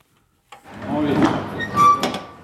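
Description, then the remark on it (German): At a customs check on the Latvian-Russian border, a truck driver hauls open the heavy metal door of the truck's cargo hold. It makes a long scraping, rattling slide and a clank near the end, fairly loud, with no one speaking. “Ein Lkw-Fahrer öffnet die Tür zum Laderaum.”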